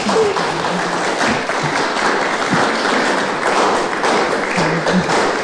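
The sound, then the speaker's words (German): An audience at a book reading applauds steadily, a dense, crackling wash of many hands clapping at once that stays loud and even for the whole stretch, with no voices on top. “Ja, da kannst du ruhig auch mal einen Applaus geben.”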